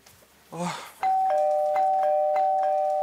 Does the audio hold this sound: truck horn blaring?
no